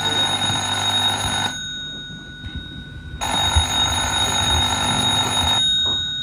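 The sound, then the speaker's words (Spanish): A telephone rings insistently in two long, loud bursts of shrill electronic ringing separated by a short pause, with no voices heard. “José y Lucía salieron de la habitación y fue entonces cuando comenzó a sonar el teléfono en forma insistente.”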